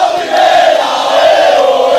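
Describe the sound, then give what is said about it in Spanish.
Águilas FC fans at the municipal stadium of Sapobla chant together, celebrating the club's promotion, in a loud, sustained roar, many voices merging into a steady, tonal crowd song with no pauses across the couple of seconds. “Así suena la celebración del Águilas en el municipal de Sapobla.”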